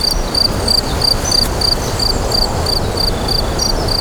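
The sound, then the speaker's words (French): Crickets chirp steadily in a meadow, a high, pulsing trill repeating in quick regular bursts, continuous over a soft rustling outdoor background with no voices. “Et puis là, le chant des grillons dans la prairie. Écoutez.”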